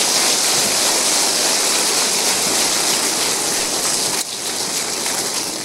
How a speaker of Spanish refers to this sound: Dale un aplauso. Gracias, Señor.